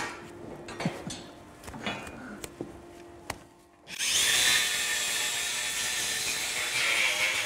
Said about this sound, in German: Also für die Kuh ist das, denke ich, relativ egal, ob die jetzt mit der Flex oder mit dem Messer. Aber für das Gehör, die Flex ist ja lauter als das Messer, da könnte ich mir schon vorstellen, oh, sind jetzt ein bisschen, was passiert jetzt?